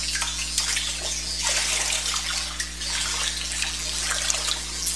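Water sloshes and splashes steadily as a person wades into a baptismal pool for a baptism, with soft irregular surges over a low constant hum in the background, no talking.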